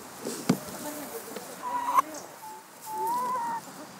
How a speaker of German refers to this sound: Verdauungsspaziergang durchs Hühnergehege.